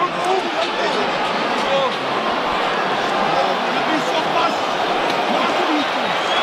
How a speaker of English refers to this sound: Crowd urging the Bok pack on.